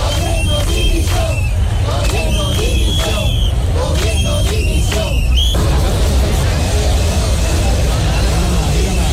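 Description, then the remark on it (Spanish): A large crowd at a demonstration in Andalusia supporting the people of Ceuta chants slogans of support and shouts for resignation in loud, overlapping voices for about five seconds, then the chanting gives way to a steady, dense roar of crowd noise and street hubbub. “Solo con lemas de apoyo, como pueden escuchar, también con gritos de dimisión, con insultos en algún caso, y con aplausos”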